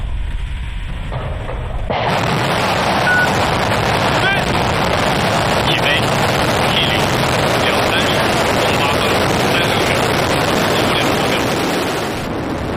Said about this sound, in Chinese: 23时08分，火箭点火发射。